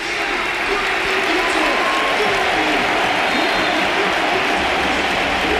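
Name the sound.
stadium crowd applause ovation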